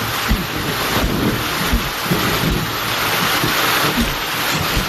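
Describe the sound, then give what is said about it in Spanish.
Heavy rain pours down in a dense, steady hiss, loud, with occasional low gusty rumbles and thuds beneath it; no one speaks. “madre mía la que está cayendo. Qué malo recuerdo me trae esta lluvia.”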